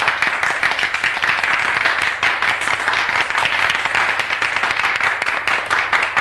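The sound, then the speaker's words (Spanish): A large school crowd bursts into sustained, enthusiastic, spontaneous applause, dense overlapping clapping at a steady loud level throughout, with no one speaking. “Pero el colegio estalla en una ovación. Esta sí, espontánea, cálida.”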